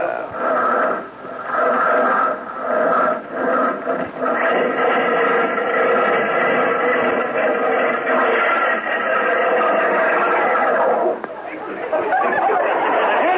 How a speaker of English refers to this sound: Sound of that Stutz Bearcat engine under the hood there. You know what? It sounds like the bear's trying to claw its way out to me.